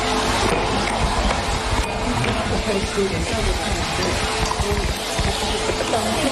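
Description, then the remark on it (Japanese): Bath salt mixed with rosemary and lavender pours into a glass jar in a lab during bath salt making, a steady granular hiss and rattle lasting several seconds, with faint voices murmuring in the background. “今度目の前のガラス瓶の中に入れていきます。”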